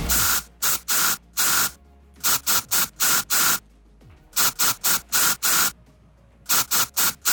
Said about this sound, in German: Ja, da muss die ganze Ö3-Gemeinde heute ein bisschen zaubern und zusammenhelfen bei unserem Deo-Spray-Sprühdosen-Song.